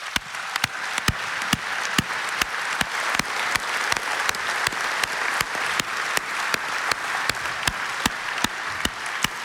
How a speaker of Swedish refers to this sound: Jag skulle bara önska att vi här ikväll ger alla dessa volontärer en varm applåd.